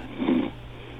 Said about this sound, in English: I think I heard a snore in there.